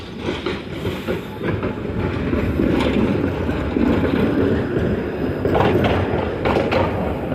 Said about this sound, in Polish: Tam jest teraz ulica i jeździ tramwaj.